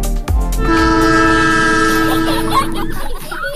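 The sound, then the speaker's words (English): A loud, sustained train horn blares for about three seconds over the low rumble of rolling railcars, then cuts off as the rumbling continues. “Broken Arrow Youth Ranch and Southern Prairie Railway invite families aboard for a 10 a.m. ride on the rails.”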